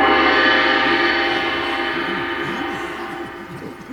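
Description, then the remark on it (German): A single gong strike rings out loudly, its rich, shimmering tone sustaining and slowly fading with a low, wavering throb over several seconds. “Gong!”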